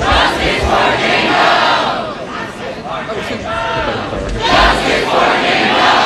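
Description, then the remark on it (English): A crowd of protesters at Cornell University shouts "justice for Jan Doe" in unison over the school's response to sexual assault allegations at a fraternity house, loud, rhythmic bursts of many voices rising and falling, with a brief lull mid-clip before the chanting swells again. “Now you're hearing protesters shouting justice for Jan Doe over the school's response to allegations of sexual assault at a fraternity house.”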